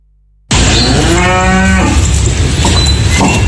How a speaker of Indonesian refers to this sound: Sapi milik Suparyono, warga Pleret Bantul, terpilih untuk menjadi hewan kurban Presiden Prabowo Subianto tahun ini.